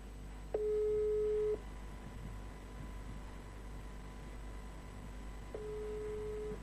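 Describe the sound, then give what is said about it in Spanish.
A WhatsApp call busy tone on a call to Emilio Barisco, who is on another call: a steady mid-pitched beep lasting about a second, a long pause, then the same beep starting again, over a faint hiss with no one talking. “El WhatsApp te informa, tiene la particularidad de informarte que está en otra llamada.”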